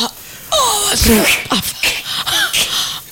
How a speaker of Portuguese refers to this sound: Que isso? Bocejando, ela tava bocejando. Eu acho que sim, Ela gravou sem querer o áudio.